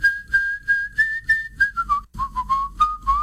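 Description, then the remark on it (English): A person whistles a steady, clear tune, holding a high pitch before it dips lower and gently wavers, with soft rhythmic pulses and no talking. “Let me hear you whistle again.”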